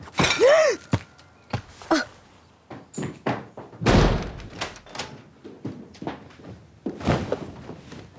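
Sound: door slamming shut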